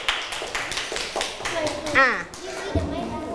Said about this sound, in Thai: ถ้าเห็นด้วยปรบมือให้เพื่อนหน่อยค่ะ